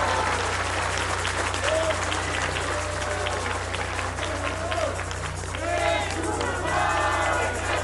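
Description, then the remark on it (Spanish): A large audience applauds President López Obrador steadily for about eight seconds, a dense, loud wash of clapping with a few voices and cheers rising above it near the end. “Un aplauso al presidente López Obrador, desde aquí hasta.”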